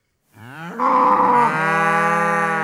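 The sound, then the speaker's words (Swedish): A single long cow moo, loud, rising in pitch then holding a steady drawn-out bellow for about two seconds with no other sounds. “Det är fler kor än människor i Marie-Hélène Lafons nya roman Utanför.”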